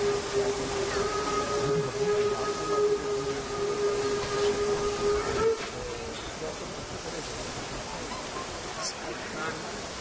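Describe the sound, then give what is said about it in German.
Locomotive 35 1097 rolls slowly onto a turntable, from which it will move on to the coal track: a steady hissing rumble with a sustained mid-pitched whine that stops abruptly with a clunk halfway through, leaving a softer hiss. “Die 35/10/97 kommt jetzt auf die Drehscheibe und wird anschließend direkt auf das Kohlegleis umsetzen.”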